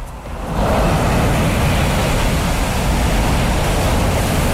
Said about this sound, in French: Quelques vagues de Puerto Angel sur la côte pacifique.